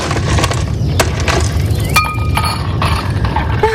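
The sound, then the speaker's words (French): Several sharp glassy clinks of ice cubes ring out at irregular intervals over a steady low rumbling background with no voices. “Donc comme je sens que vous avez chaud, une petite pause fraîcheur avec quelques glaçons s'impose.”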